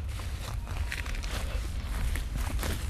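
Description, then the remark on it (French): Footsteps crunching steadily through dry leaves on an expedition in the forest by the pont de Vincennes, a continuous crisp rustle with repeated crackling bursts from each step, fairly loud, with no voices. “Nous marchons dans les feuilles.”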